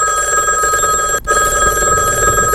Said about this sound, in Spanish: ¿Cómo reaccionarías vos si en tu casa suena el teléfono? 1, 2, 3, 5, 10 veces. Sin parar.